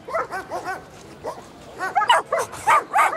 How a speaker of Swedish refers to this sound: Invigningen kom och det gjorde även 40 glada och lekfulla hundar.